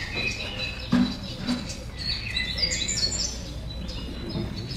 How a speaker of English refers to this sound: It's a new morning. The sun is up. The birds are singing.